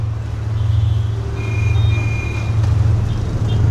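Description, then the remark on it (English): A constant low rumble of dense motorbike and moped street traffic in Ho Chi Minh City in the late afternoon, engines droning with thin high tones and occasional beeps rising over the dense, steady wash of vehicles. “It takes an hour to wend our way the 7 kilometers from the airport to the hotel in the late afternoon traffic.”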